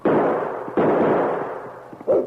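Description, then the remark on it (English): Two loud, sharp gunshots about a second apart, each followed by a long, fading reverberant tail, then a shorter, muffled burst near the end. No voices are heard. “Noble, you stay out of the line of fire.”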